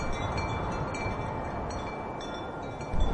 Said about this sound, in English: Probably the wind, like, rushing through the trees. I guess, like, the wind is pretty nice. Wind blowing.